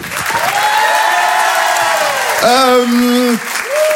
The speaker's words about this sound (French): Je vous demande de l'encourager, de l'applaudir très très fort, s'il vous plaît.